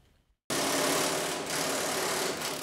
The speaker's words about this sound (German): Es wird geschraubt, gebohrt, gegossen und gestemmt. Die Erneuerung der Bahnstrecken in Essen und Mülheim ist ein echtes Mammutprojekt.